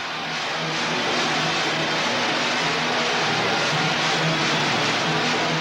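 A dense, unbroken wall of high-pitched fan screaming fills the whole clip, loud and constant, nearly burying a live band whose music survives only as a faint low hum beneath.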